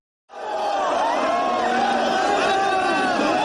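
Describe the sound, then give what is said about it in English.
A dense, loud crowd of tens of thousands of mourners packed into Nairobi streets roars continuously, with many overlapping voices shouting and calling out at once, gathered to see the coffin of Raila Odinga as his body returned home from India. “Tens of thousands packed Nairobi streets to see his coffin a year ago as his body returned home from India, where the veteran opposition leader and former prime minister had died.”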